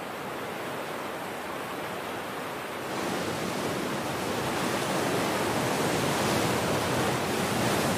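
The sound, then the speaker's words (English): Steady, dense roar of churning rapids on the Congo River, a broad hiss of rushing water that swells louder about three seconds in and stays constant, with no voices. “The churning water is a crucible of evolution.”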